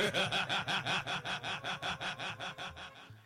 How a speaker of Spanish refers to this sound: Deben de estar dormidos. Deben de estar roncando. Ahí está. Están roncando. Están dormidos. Los taxistas dormilones.